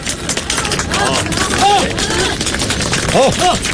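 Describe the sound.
A crowd breaks into steady, dense applause to welcome a candidate's election campaign speech, the clapping loud and continuous, with a few voices calling out over it.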